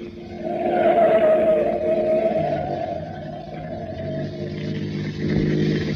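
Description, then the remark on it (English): A car engine roars and revs as the vehicle speeds up to take a turn fast while following a truck, its steady drone holding strong for several seconds with a slight swell near the end. “Now, take that turn fast. I don't want to lose track of that truck.”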